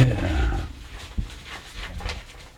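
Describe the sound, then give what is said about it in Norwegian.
Paper rustles in a series of irregular crinkling bursts, following a brief low rumbling noise at the start. No one speaks. “Ah, og nei, det var bare papir.”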